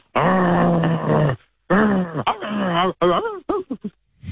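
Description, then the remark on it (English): A person imitates a growling dog: a long, steady low growl, then wavering rises and falls in pitch, ending in a few short, clipped bursts. “It's obviously a dog.”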